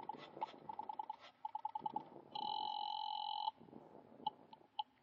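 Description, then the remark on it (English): A telephone call to the guard at the main gate rings through the line in quick trilling bursts, followed by a sustained steady tone and a few isolated short beeps, moderately loud with no talking. “You wait another half minute and then pick up the phone and call the guard at the gate.”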